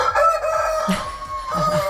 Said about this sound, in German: Und heute wird gegackert. Und gekräht.